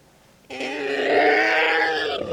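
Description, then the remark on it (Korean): A monster, a professor, howls as it tears at its head with both feet: a roar bursts in abruptly after a short quiet moment and holds loud and sustained, a rough, harmonic bellow that swells slightly before easing off near the end. “현우를 떨어뜨린 교수는 양발로 머리를 쥐어뜯으며 울부짖기 시작했다.”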